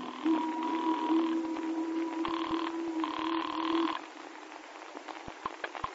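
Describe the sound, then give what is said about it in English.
A telephone rings in the old double-burst pattern, a buzzing brr-brr repeated twice, fairly loud, then cuts off into a quiet line with a few faint clicks, as a phone call is made from Teddington on the river. “And so when we docked again to take another machine gun aboard, I made a phone call.”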